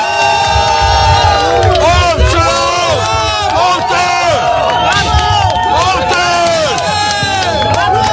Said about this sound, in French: Exactement, on le rappelle, Sébastien Lecornu qui est en visite officielle au Porche pour rencontrer les sinistrés et les élus. On le rappelle, il a d'abord été accueilli ce matin sous les huées.